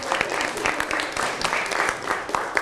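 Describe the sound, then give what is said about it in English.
A small group in an English class claps steadily for a couple of seconds for a student, quick dense claps overlapping into a short burst of applause, moderately loud. “Clap your hand”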